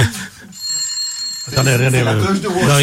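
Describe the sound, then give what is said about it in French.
An old rotary dial telephone, the kind once found in all government offices, rings in a bright, metallic trill for about a second, then a man starts talking while the ringing fades under his voice. “a toujours l'ancien téléphone à cadran. Celui qu'on trouvait dans toutes les administrations du gouvernement.”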